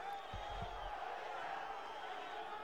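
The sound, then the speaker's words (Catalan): A large stadium crowd at a football match between Poblense and Àguiles boos and jeers in a steady, dense roar that fills the whole stretch, with a couple of dull low thumps near the start. “Continuen les esbroncades.”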